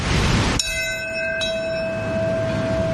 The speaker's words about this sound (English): Today, as has happened every year since the first anniversary of 9/11, one of several bells rang out, this one at Ground Zero in Lower Manhattan, followed by a moment of silence at 8:46.